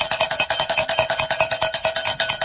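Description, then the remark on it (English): Cowbells clang in a fast, steady rhythm, about ten bright metallic strikes per second, ringing loudly and continuously with no voices. “Where are those cowbells when you need them?”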